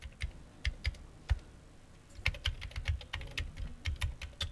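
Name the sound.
mechanical typewriter typing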